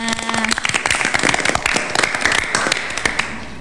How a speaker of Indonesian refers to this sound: Oke, jadi banyak prestasi ya SMP Negeri 10 ini. Tepuk tangannya.